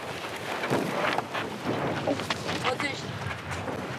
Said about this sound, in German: Windstärke 4. Zum Windsurfen fast zu schwach.